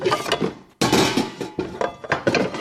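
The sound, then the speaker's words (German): A metal frying pan is grabbed and handled in a kitchen to fry an egg, producing a series of clattering knocks and clanks with a sharp bang near the start, no voices present. “Ich schnappe mir eine Pfanne, hole ein Ei aus dem Kühlschrank und dann schalte ich den Herd ein.”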